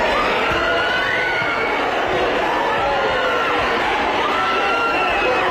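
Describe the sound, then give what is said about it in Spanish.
A loud, dense crowd shouting and yelling over one another without pause at the arrivals door of Loiu airport, as police officers subdue and detain activists, a chaotic wall of voices rising and falling in agitated protest. “Hay al menos 3 detenidos que han abandonado el aeropuerto en coches policiales entre los gritos de protesta”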